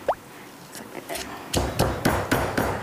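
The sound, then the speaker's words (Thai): A pestle pounds garlic, bird's eye chilies, salt, sugar and coriander root finely in a mortar for a Thai seafood dipping sauce: a few soft taps, then a steady run of about six heavy, dull thuds at an even rhythm, with no voices. “น้ำจิ้มซีฟู้ดนะคุณผู้ชม มันจะรากผักชีจะเพิ่มความหอม โคลกให้ละเอียดเลยนะคะ”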